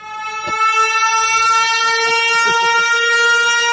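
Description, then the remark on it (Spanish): A loud, steady horn sound effect, siren-like, blares continuously with a rich harmonic tone like a train horn, held unbroken for several seconds with faint clattering and knocks underneath. “No sé si era para sirena.”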